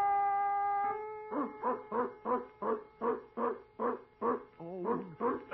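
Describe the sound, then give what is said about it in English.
A steady ringing tone gives way to a dog barking in a quick, even series of about ten sharp, loud yips, with no one talking. “Presto changeo, mosquito. Be a dog.”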